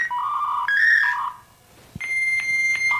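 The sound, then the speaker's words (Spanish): Dial-up modem handshake while connecting to the internet: warbling electronic tones and chirps, then a brief dip, followed by a steady high pitched whine with bursts of hissing static, loud and without voices. “Oye, ese, el último era cuando estaba conectando el internet.”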